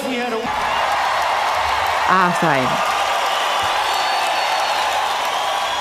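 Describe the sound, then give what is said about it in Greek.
Dense, steady applause from a crowd runs throughout, with a few rising cheers or whoops in the middle and a brief spoken phrase over it near the start, during the afternoon radio show Akou na deis on ERT's 102 station. “Έτσι, θα σας χειροκροτήσουμε όλους.”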